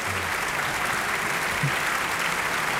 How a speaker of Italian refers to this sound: Continuiamo ad ascoltare gli applausi che accompagnano questa interpretazione.